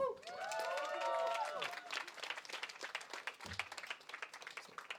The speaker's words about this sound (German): Daher nochmal Applaus, bitte.